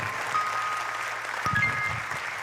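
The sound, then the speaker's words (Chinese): A crowd claps steadily throughout, a dense, even wash of many hands applauding at moderate volume, with a faint murmur of voices mixed beneath. “感谢大家哦，无点就拍手啊，谢谢。”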